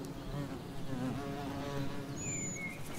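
Bees buzz steadily as they fly from flower to flower collecting nectar and pollen and pollinating the flowers, a dense, wavering drone of several insects with no speech, their pitch rising and falling as they move about, and a brief higher whine near the end.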